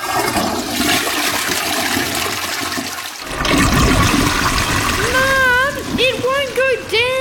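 A backing-up toilet flushes with a loud, rushing surge of water, ending in a string of warbling, rising-and-falling gurgles as the bowl drains.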